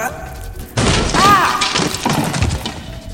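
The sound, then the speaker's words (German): A small old wooden chair smashes apart into its pieces with a sudden loud crash, followed by a couple of seconds of splintering, clattering debris that gradually thins out. “Und der Stuhl zerfällt in seine Bestandteile.”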